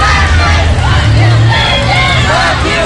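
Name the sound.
protest crowd chanting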